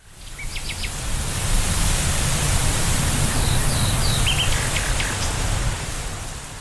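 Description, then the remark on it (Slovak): Wheat ears rustle in the wind across a golden field as a steady, even hiss that holds throughout, with a few faint, high bird chirps scattered over it. No one speaks. “Doticha k nemu dolieha nežné šušťanie klasov vo vetre.”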